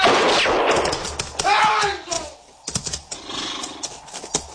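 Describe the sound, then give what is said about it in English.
Sharp gunshots crack out amid a noisy commotion as a man is shot, with a horse whinnying and shouting voices in the background, followed by a few more scattered bangs. “His hook shot him, sir, before anyone could stop him.”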